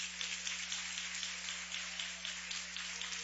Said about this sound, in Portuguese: Com as palmas bem alegres para o Senhor da Glória.